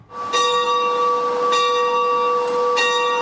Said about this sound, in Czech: Takhle zní zvon v kostele svatého Jakuba staršího v Hůrkách u Nové Bystřice. Teď už ale několik let mlčí.